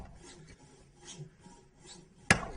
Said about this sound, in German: Also beim Sägen, da weiß man, da gibt es noch was durchsägen und das nächste nehmen.